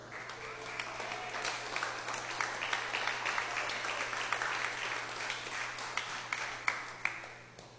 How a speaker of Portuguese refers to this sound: Pode bater palmas para Jesus.